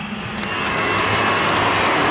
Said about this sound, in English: It's interesting they're booing him, but there's more New South Wales people in the stadium than there are Queenslanders.